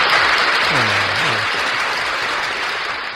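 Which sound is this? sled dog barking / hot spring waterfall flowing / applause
applause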